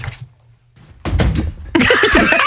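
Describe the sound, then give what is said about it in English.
Tom Hanks flops off a chair while doing a 'flop', with a loud series of thumps and clattering, immediately followed by several voices reacting. “and then Tom Hanks committed so much to it that he flopped off the chair.”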